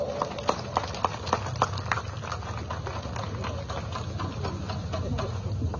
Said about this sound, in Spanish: palmas por favor.